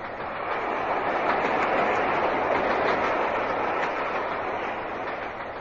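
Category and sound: vehicle, train running on rails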